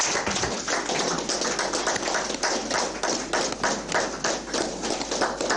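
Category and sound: crowd, audience clapping hands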